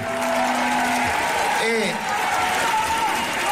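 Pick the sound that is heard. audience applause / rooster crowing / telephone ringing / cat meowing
audience applause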